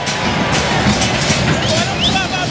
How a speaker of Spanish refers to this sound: Aplaude a rabiar la gente.